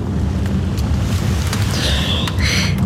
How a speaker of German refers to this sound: Sehen Sie, ein fürchterliches Wetter haben Sie mitgebracht. Ja. Gewitter sind eigentlich höchst ungewöhnlich in dieser Jahreszeit.